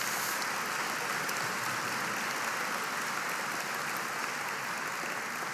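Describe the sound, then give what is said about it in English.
An audience gives a round of applause for one of the film's writers who is present, a dense, steady wash of clapping hands at an even loudness that carries on throughout with no voices heard. “So please give Tyler a round of applause.”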